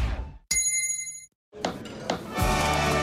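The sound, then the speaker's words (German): A single bright gong chime signalling a hydration break strikes and rings with clear, sustained overtones for under a second before cutting off into brief silence, followed by a busier burst of mixed sound. “jetzt wieder Trinkpause. Der Gong.”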